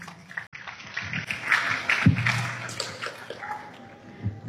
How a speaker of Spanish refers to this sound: Recibamos con fuerte aplausos, por favor.